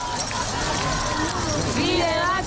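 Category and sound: household object, keys jangling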